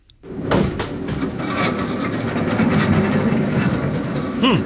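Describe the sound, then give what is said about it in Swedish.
A steady low mechanical hum fills a warehouse while wheeled carts rumble and roll along, with occasional clanks and a brief rising squeak near the end. “Det här är ett lager. Ja, det är lite surr och det är lite vagnar som rullar.”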